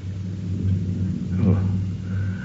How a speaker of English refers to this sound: They are nothing. Karakul sends us storms at this time of the year. But we are quite secure.